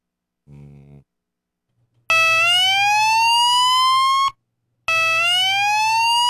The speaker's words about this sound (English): Is that better than the other alarm or is it worse? No, I kind of like the other one. You like the other one? That one sounds like a possessed mechanical flute whistle.